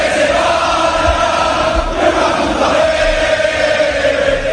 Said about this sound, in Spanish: De la Liga a la Liga de Campeones y de la Liga de Campeones a la Liga otra vez, porque en Valencia se escuchan muchos gritos contra la dirección.